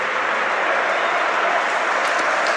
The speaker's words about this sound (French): Et le public est déjà en train d'applaudir ses joueurs alors que le temps additionnel n'a même pas encore démarré.